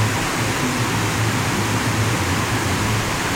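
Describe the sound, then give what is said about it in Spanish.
A heavy rain downpour in Parate Bueno roars steadily, a dense, unbroken hiss that fills the whole clip at a constant, loud level with a low rumble underneath and no voices. “Está cayendo el aguacero a la vida.”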